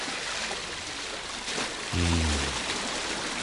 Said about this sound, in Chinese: 城外浅河河水高涨，差不多淹没咗整个城楼就。今系五月天时，河水唔会咁高涨。莫非河水泛滥？